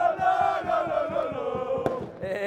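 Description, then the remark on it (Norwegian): A big crowd of fans in Aarhus, Denmark, celebrating the Danish championship after a 2-0 away win over Brøndby, gathered on Busgaden where a jazz band plays along with the school song, chanting loudly in unison over steady rhythmic beats, with one sharp bang cutting through near the end. “Det kan jeg jo selv prøve at vurdere ud fra den her lyd.”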